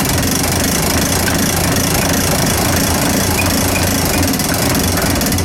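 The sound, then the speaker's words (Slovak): A mechanical clock's weights being wound up while a small weight keeps the clock running: a loud, continuous mechanical rattling and grinding that holds steady and dense throughout, with no voices. “A teraz môžeme kľudne natiahnuť. A tým, že to funguje na to maličké závažie, tak hodina stále ide.”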